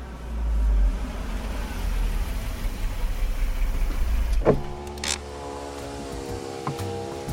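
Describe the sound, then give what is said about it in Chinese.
A car engine with a dead battery, drained after the headlights were left on overnight, cranks with a steady, grinding rumble for several seconds in the morning without catching, then cuts off with a click, leaving a thin electronic tone humming alone. “别提了，我昨天晚上忘关车灯了，今天早上车就没电，打不着了，我正着急呢。”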